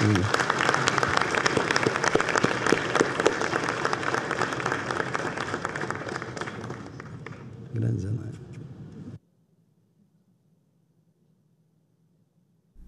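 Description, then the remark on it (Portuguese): An audience at a session of the Brazilian Federal Senate applauds as Senator Zenaide Maia is invited to join the table, steady, dense clapping for about nine seconds, fading slightly near the end before cutting off abruptly into a faint low hum. “Pode aplaudir também para.”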